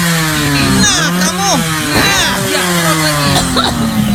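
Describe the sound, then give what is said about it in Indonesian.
A freshly tuned-up motorcycle engine drones steadily, revved so its exhaust smoke blows into a house to kill mosquitoes. Its low buzzing tone briefly rises and dips as it revs, with people talking over the noise. “Bukan asap penalpot motor lagi. Ya udah matiin itu motor.”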